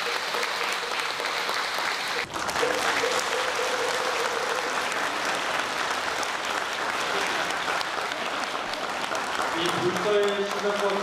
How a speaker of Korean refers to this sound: 원만 성취에 크게 기여하였기에 표창합니다. 큰 박수 부탁드리겠습니다.